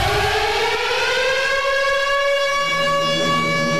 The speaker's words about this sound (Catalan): Devien ser les 5 de la tarda, anant a agafar l'auto de línia, quan tornaren a bramar les sirenes, mentre, empesa per la gent, entrava al refugi de la plaça del Gra.